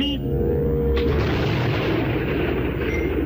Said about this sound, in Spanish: Desde hace décadas, el coyote ha estado en medio de explosiones.